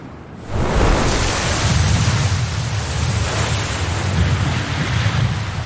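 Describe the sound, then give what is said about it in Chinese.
A loud, steady roar of strong wind over the sea at Pingtan, by the strait to its west, counted with the Bermuda Triangle and the Cape of Good Hope as one of the world's three great windy sea areas. It swells up after a quiet half-second, with heavy low rumbling and surf washing continuously beneath it, no voices. “平潭西临海潭海峡，与百慕大三角、好望角并称为世界三大风口海域，是公认的造桥禁区。”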